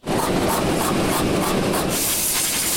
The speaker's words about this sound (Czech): Na první poslech by podle zvuku mohla promítací kabina IMAXu připomínat autodílno. Místo motorů a součástek tu ale mezi kovovými válečky visí lehce napnutý tříhodinový film Odyssea Christophera Nolana.